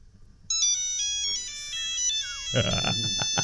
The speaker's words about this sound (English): Is that your phone or mine? Oh, sorry, guys. I'm just getting a call.